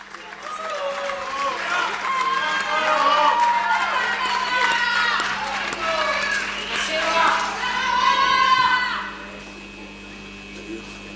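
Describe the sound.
An audience applauds and cheers for about nine seconds, with many voices shouting over the clapping, before the noise drops away to a quiet hum.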